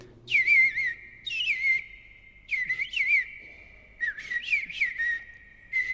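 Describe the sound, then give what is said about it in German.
An Eastern Bluebird (in German, Rotkehl-Hüttensänger), an American bird, singing: four short bursts of soft, warbling whistled notes, each sliding and wavering at a mid-high pitch and separated by brief pauses. No voices or other sounds. “Aber der Eastern Bluebird oder auf Deutsch Rotkehl-Hüttensänger klingt ja wie eine Mischung aus Amsel und Misteldrossel, etwa so.”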